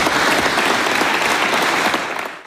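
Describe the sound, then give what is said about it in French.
Loud, sustained applause from a large crowd after a speech by Emmanuel Macron to Les Bleus, the French football team, a dense wash of clapping that holds steady for a couple of seconds before starting to fade at the end. “Les applaudissements pour Emmanuel Macron, vous l'avez entendu, il rêve de la troisième étoile pour les Bleus”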